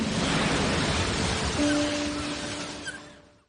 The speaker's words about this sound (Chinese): 每年流入海洋的塑料垃圾高达千万吨，它们残忍地夺去了无数海洋生物的生命。保护海洋环境，保护大海的声音。